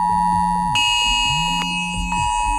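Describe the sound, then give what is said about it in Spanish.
A mobile phone emergency alert, received on phones around 11:15 in the morning during an emergency drill at the port of Santander, Spain, blares a loud, steady electronic tone without pause, while lower wavering pitches rise and fall beneath it and a few sharp clicks cut through. No one speaks. “Y una cosa más, esta mañana a algunos les habrá sorprendido esta alarma en sus móviles.”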